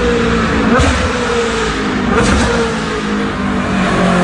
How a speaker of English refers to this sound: And car enthusiasts, you know the sound when the prancing horse of a super Ferrari comes past.